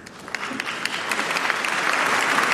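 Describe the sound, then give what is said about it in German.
A crowd claps together in a steady, rhythmic beat, the applause building slightly louder over a few seconds with sharp repeated hand claps. “Und er gilt als Erfinder des rhythmischen Beifalls zur Musik.”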